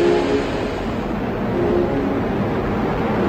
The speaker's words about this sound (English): It's something astrobiologist Mikhaila Musilova thinks about whenever she sees a rocket taking off. 5, 4, engine ignition, 2, 1, 0.